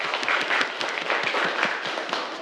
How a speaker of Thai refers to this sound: ปรบมือให้กับเพื่อนด้วยครับนักเรียน